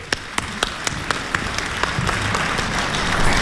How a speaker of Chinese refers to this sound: 谢谢各位热情的掌声。